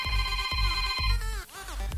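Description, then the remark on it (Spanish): A quick run of electronic phone keypad tones dialing 929 for a call-in game, each a steady beep in a fast, even rhythm, loud, with no talking. “Apachurra en tu teléfono 929.”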